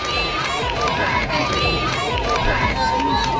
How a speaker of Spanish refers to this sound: Son los gritos que le han acompañado desde su llegada ayer a Madrid, hoy con mucho más calor para los que llevan desde primerísima hora de la mañana en la calle.